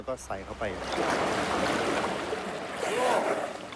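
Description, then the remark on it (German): Continuous splashing and sloshing of water as a female elephant plays in deep water and drinks using her trunk, with a person speaking briefly at the start and faintly again near the end. “Sie spielt gerne im tiefen Wasser. Andere trinken dort mit dem Maul, aber Gaina nimmt den Rüssel.”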